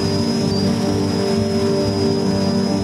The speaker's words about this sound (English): The team launches a small camera drone to investigate.